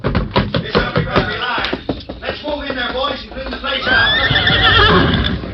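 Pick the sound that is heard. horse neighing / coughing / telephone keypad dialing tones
horse neighing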